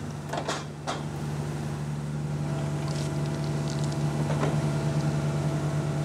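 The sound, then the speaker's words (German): A horizontal drilling machine bores underground beneath a path and a road, running with a steady, low engine drone and constant mechanical rumble, broken by a couple of sharp metallic clanks early on. No one speaks. “Jetzt bohren wir unterirdisch unter dem Weg und unter der Straße durch.”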